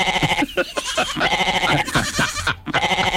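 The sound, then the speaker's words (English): A goat bleats repeatedly in wavering, nasal cries, loud, with short breaks between calls and no talking. “And just to let you know, there's plenty of goats between Cobar and Ningen when I came through there the other day.”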